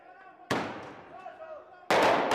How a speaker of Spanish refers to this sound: Explosiones en las calles de La Paz, sede del gobierno boliviano. La policía responde con gases lacrimógenos.